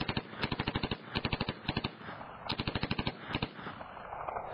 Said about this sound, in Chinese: 正当这局面相持不下的时候，忽然一阵冲锋枪射击声传来，暗中出现了一串子弹的夜光，那雕鸮被子弹打成了一团破布啊，直接从空中掉到了树下一动不动了。